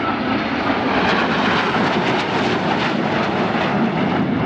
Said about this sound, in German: Noch ist es ganz ruhig, obwohl man sie schon deutlich sehen kann. Aber wie wir wissen, laut ist ein Flugzeug ja hinter dem Flugzeug. Und da sehen Sie 4 Eurofighter.